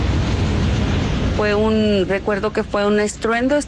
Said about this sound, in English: Unbeknownst to her and other sleeping residents, gas has been leaking from one of the storage tanks, causing a vapour cloud to form. It ignites, leading to a flash fire and explosion.